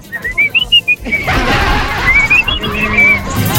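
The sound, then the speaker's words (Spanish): A person whistles a short melodic tune of clear, high rising and falling notes, pauses briefly amid a broad rushing noise, then whistles a second similar phrase over the continuing background. “¿Te acordás del silbado?”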